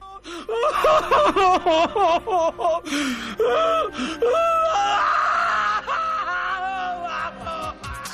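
A man sobs and wails in an exaggerated, theatrical way: a string of quick, choppy sobbing bursts breaks into long, drawn-out, loud moaning cries with gasping breaths in between.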